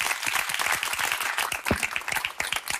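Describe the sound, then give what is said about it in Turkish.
A burst of applause: dense, overlapping hand claps at a steady, fairly loud level for a few seconds, with no talking over it. “Alkışlarım yani.”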